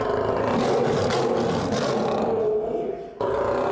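Naju, an angry male lion in the lion house, about to be vaccinated, roars: a loud, sustained, rumbling bellow that fills nearly four seconds, dipping briefly before surging again at the end.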